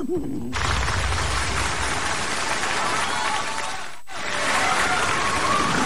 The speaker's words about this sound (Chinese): 掌声啊，我听出来了。